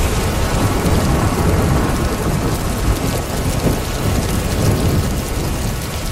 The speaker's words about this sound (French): Ah, le son de la pluie et d'un orage au loin. Est-ce que c'est ce que vous écoutez parfois pour vous aider à vous endormir le soir?